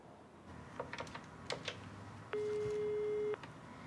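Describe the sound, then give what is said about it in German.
A few quick taps on phone keys to place a call, then a single steady electronic telephone ring tone lasting about a second, loud, with no voices. “es klingelt. Es klingelt.”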